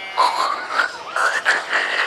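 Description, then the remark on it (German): A voice imitates a pig, making a run of buzzy, nasal grunts in quick succession, about five pulses with a rough, throaty texture at a steady moderate loudness. “Das klingt jetzt aber eher nach Schwein. Soll's ja auch, Conny Computer.”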